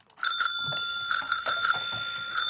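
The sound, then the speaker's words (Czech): A bicycle bell rings in a rapid, repeated trill to signal "good" in a game, bright metallic tones sustaining across the whole moment with a fresh burst near the start and again at the end. “Takže cinknutí znamená dobře, zatroubení špatně.”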